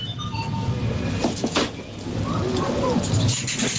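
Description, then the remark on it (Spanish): A few coins clink and ring against a steady rumbling background, followed by a short run of sharp mechanical button clicks as a product is selected on a coin-operated food and drink vending machine. “Clic, clic, clic, sí. Es cuando seleccionas el producto, ¿no? Y aquí se oye monedas.”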